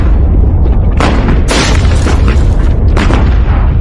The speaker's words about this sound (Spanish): Me dan manga ancha para dirigir la artillería. No sé cuántas balas dispara la artillería de campo.